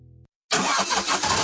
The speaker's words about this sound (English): Oh dear, my car is making a funny noise. Warning, maintenance required.